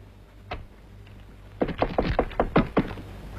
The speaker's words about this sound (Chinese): 我跟你说过多少次了，进来以前先要敲门。